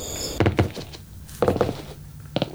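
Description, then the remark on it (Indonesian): A door opens with a few heavy wooden clunks and knocks, spaced about a second apart, over a low steady hum, with no voices. “Begitu pintu terbuka, udara di dalam terasa berbeda.”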